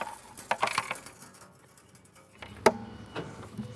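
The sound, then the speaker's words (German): Small metallic clinks and rattles of loose change, which a child had tossed in, being shaken and fished out, come in a quick cluster early on, then a sharper clack and a few scattered jingles. “Ich glaube, mein Lütter hat hier irgendwie Kleingeld reingeschmissen. Ich muss noch rauskriegen.”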